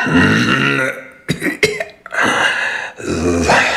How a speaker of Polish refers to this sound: To mój kaszel.